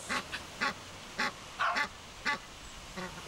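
An Egyptian goose gives a series of about eight harsh, nasal honks at an uneven pace, loud, with quiet gaps between calls and no talking.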